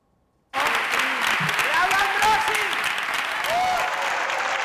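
A large audience at the San Sebastián film festival breaks into loud, sustained applause, a 15-minute ovation for Los Javis' film La Bola Negra, a dense steady clatter of clapping that starts suddenly and keeps going, with scattered cheers and shouts rising above it.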